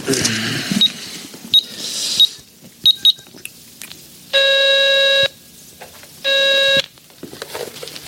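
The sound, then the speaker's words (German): Several short dialing beeps from a payphone keypad, used with a phone card, followed by two long electronic ringing tones on the line, with a faint rustling background and no talking. “können wir doch wenigstens mal anrufen und fragen, oder?”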